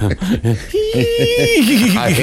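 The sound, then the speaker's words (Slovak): A person imitates a horse's neigh: a few short voiced bursts, then a long high held note that breaks into a quivering, wobbling whinny. “Koňa.”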